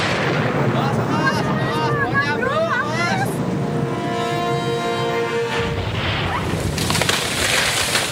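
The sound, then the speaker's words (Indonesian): Heavy rain hisses steadily while a long, wavering creak rises and groans, then a loud, rumbling crash and rush of breaking branches as a tree comes down. “Waduh, ada pohon ambruk.”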